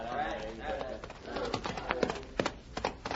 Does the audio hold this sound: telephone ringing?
no